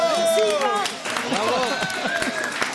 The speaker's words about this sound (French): Bon, je pense que tout le monde peut t'applaudir bien fort. Bravo!